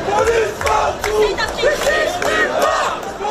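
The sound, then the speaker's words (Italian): A large crowd of French students, with parents and teachers, marches and chants loudly and continuously at a protest in France demanding better schools and changes to university access, many voices rising and falling together in rhythmic shouted phrases, with scattered louder yells punctuating the steady roar. “Gli studenti francesi sono tornati in piazza per chiedere scuole meno fatiscenti”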